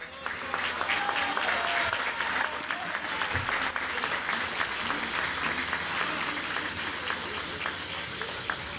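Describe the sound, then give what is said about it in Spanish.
A crowd at a public event in Pinos, Zacatecas, applauds Governor David Monreal Ávila, dense clapping sustained at an even loudness throughout, with faint voices mixed into the noise. “Muy buenas tardes a todas, a todos, aquí con el gusto de este gran evento, de lo que el día de hoy es posible, gracias a nuestro gobernador, el licenciado David Monreal Ávila, para quien pido nuevamente un fuerte aplauso.”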